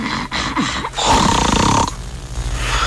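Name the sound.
voice imitating snoring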